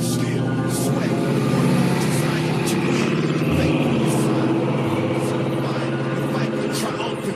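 A big car engine rumbles steadily as the vehicle drives along, a loud, deep, continuous drone with a throaty low hum and occasional bursts of wind and road noise.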